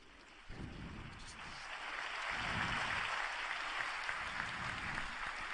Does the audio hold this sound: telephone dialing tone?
no